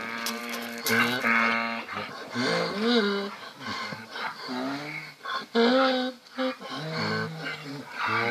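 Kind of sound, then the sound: animal, donkeys braying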